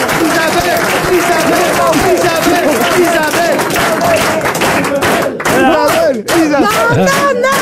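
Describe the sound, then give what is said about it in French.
A loud audience on a TV quiz applauds and cheers continuously after a correct answer from Isabelle Mergault, the dense clapping mixed with excited shouts and overlapping voices throughout. “Arrêtez d'applaudir, c'est vexant.”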